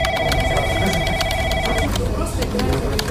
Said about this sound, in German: Klingelnde Geräte, unfreiwillig mitgehörte Telefonate, die im Endstadium röchelnde Kaffeemaschine, solche Sachen.